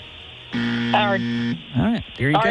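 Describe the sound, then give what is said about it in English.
A loud, harsh quiz buzzer sounds once, marking that time has expired for an answer, holding steady for about a second, and then someone starts talking right after it cuts off. “Well, it was, but you got it in after the buzzer.”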